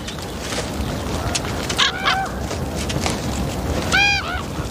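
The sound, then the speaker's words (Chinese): A golden eagle gives two short bursts of sharp, ringing yelps, one near the middle and another near the end, heard over a steady wash of wind-like background noise. “一只金雕。”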